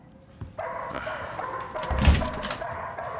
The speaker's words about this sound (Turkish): Hey! Kes sesini! Aptal, aptal köpek! Lanet ayakkabılarımı suratına fırlatacağım. Senden de sahibinden de nefret ediyorum. Kes sesini! Kes dedim!